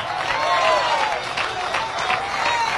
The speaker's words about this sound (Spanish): Qué poquitos aplauden, gloria a Dios.